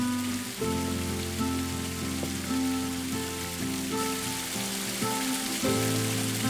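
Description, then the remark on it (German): A thin waterfall splashes and patters steadily like light rain, a continuous hiss of falling water, with sustained musical tones changing chords over it and no talking. “Bisschen wenig Wasser, aber ist auch schön, oder?”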